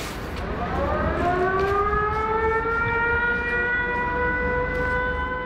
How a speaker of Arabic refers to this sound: بين إنذار وآخر يعيش الأوكرانيون، تتوقف الحياة ويهرع الجميع إما إلى الملاجئ أو المناطق المفتوحة، حمل المقاعد صار ظاهرة، الانتظار قد يدوم ساعات، ولا تستأنف الحياة إلا بعد انتهاء الهجوم الروسي ورفع حالة الإنذار.